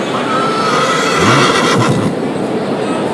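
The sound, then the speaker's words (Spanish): A horse whinnies once through a loud, steady wash of outdoor crowd noise in the Plaza de Toros bullring in Granada, Spain, its wavering call rising and falling for about a second before the din carries on. “Los caballos que están...”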